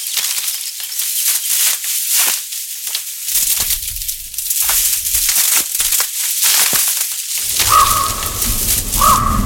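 Several deep, hoarse croaks from two pairs of ravens at Pollardstown sound out over a steady, rushing windy background, with a couple of clearer calls near the end.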